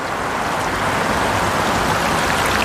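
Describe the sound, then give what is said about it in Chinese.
Shallow water of the Tagliamento River flows steadily under a large concrete bridge near the town of Pinzano al Tagliamento, a continuous, fairly loud rush and babble, even and unbroken throughout, with no voices present. “如今，横跨河面之上的是一座宏伟的混凝土桥梁，在桥下清浅的河水中生活着一群当地颇具代表性的鱼类。”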